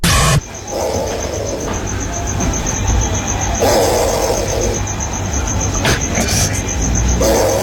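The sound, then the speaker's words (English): A possum snores up a tree outside in slow, raspy swells that repeat every couple of seconds, set against a constant high, pulsing insect chirr and a low background hum. “As I walked outside, John, and I looked up a tree, there was a snoring possum.”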